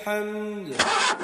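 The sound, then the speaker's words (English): A pickup truck engine struggling to start: a strained, whining crank that sags in pitch, then breaks into a rough, loud sputtering cough. “Ach nee man, my bucky just made a noise like a lion clearing its throat. This thing is dying.”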